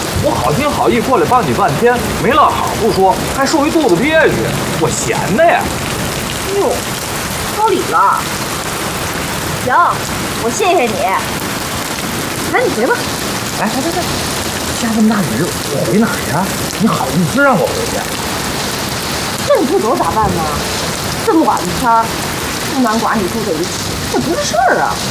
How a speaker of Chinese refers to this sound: 下这么大雨，我回哪儿呀？